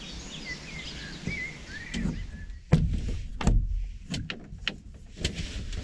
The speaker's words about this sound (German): Ja, ich bin gerade hier aus meinem kleinen Camper rausgekrochen und hier draußen ist es super ruhig. Kein Wind, nur so ein paar Vögel. Und es ist ein total schöner Morgen, auch ohne spektakulären Sonnenaufgang.